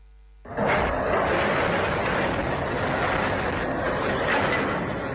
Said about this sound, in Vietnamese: Tháng 6, trên vùng biên giới Vu Buông, tỉnh Lai Châu, tiếng máy xúc, máy ủi hòa cùng tiếng búa, tiếng khoan vang vọng giữa núi rừng. Công trường xây dựng trường phổ thông dân tộc nội trú liên cấp Hô Bum đang chạy đua với thời gian